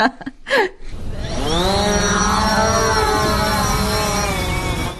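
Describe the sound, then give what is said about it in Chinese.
A few sharp handling clicks, then a drone's motors spin up into a loud, steady, high-pitched buzzing whine that rises in pitch and holds, without any voices, as the drone is launched to fly out and check on camels. “行了，我去放无人机了，你看这平板。”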